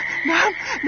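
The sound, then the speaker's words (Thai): A frog croaks in quick, rising and falling calls, clear, with a faint wash of background noise and no talking. “เฮ้ยนั่นเสียงกบร้องนี่นะรอตายแล้วเราข้างหน้าน่าจะต้องเป็นบึงน้ำแน่ๆเลย”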